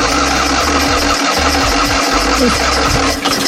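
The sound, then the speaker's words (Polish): A small car engine, a Fiat 126p, starts and runs with a loud, rough, low throbbing, its uneven beats sputtering through a few seconds with no one speaking. “To jest ten dźwięk. I w tym tygodniu minęło 51 lat od momentu, kiedy pierwszy maluch zjechał z taśmy produkcyjnej.”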